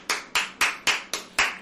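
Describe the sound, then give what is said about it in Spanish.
A crowd claps together in a steady, even rhythm, six sharp crisp claps at a quick regular beat, each ringing briefly before the next, with no voices over them. The applause is given to the 'King of Kings' (Rey de Reyes). “Aleluya, le damos otro aplauso al Rey de Reyes”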